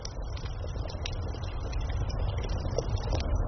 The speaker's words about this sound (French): Écoutez, c'est le soir, vous êtes assis autour d'un feu de camp. Un léger glouglou régulier, chaleureux, rassurant. C'est une cocotte qui mijote sur un feu qui crépite.